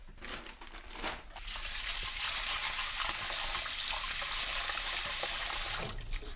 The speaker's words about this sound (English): It's good to have the water not be looking cloudy. That's when you kind of know the dal is properly washed.